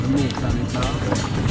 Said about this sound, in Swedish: Det plaskas. Och det är ros. Ja. Det är Västerviks skärgård.